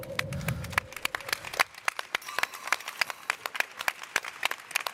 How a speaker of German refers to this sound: Und natürlich auch einen großen Applaus für dich